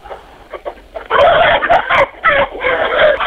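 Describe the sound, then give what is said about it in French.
Hens cluck and squawk loudly inside a henhouse, a busy overlapping chatter of several birds with a few quiet clucks at first, then a dense burst of agitated calls. “Eh bien, actuellement, je suis dans mon poulailler au milieu des poules.”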